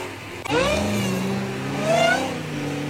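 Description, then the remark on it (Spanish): A Dodge Challenger engine revs loudly, roaring up in pitch after a brief start, surging again about midway, then settling into a steady, deep rumble with no talking. “Yo quiero que pongas el mío con audio, por favor, porque descargué un videíto. Escuchá ese motor.”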